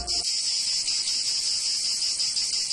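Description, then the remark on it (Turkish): Cicadas sing in a steady, unbroken high-pitched buzz that stays loud for the whole stretch, with no voices over it. “Ağustos böceğinin yazları şarkı söyleyip tembellik yaptığı, kışında bu yüzden aç kaldığı masalının gerçek olmadığını bilirsiniz.”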